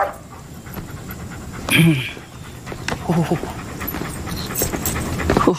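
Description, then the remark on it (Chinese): A dog pants steadily, its quick breathy huffs repeating over a low background rumble, with a few louder bursts of sound mixed in. “你在这蹲着，待会儿狗可能扑你啊。”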